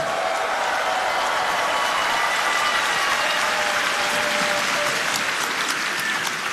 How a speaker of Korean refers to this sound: 네, 여러분 뜨거운 박수로 격려해 주시면 좋겠습니다.